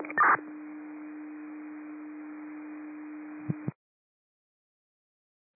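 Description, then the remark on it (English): A radio dispatch paging tone for District 10 over a hissy, narrow-band channel: a brief higher beep, then one long steady low tone held for about three seconds before cutting off abruptly, followed by silence and a faint click. “District 10 has received their tones.”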